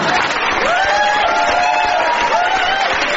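Loud, steady applause from a large studio audience welcoming a comedy double act, with cheering and a few whoops rising above the clapping throughout, continuous for the whole stretch.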